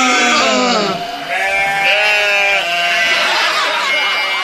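Loud sheep bleating, several wavering, quavering bleats overlapping and running almost continuously, with a nasal, mid-to-high pitch that rises and falls between calls.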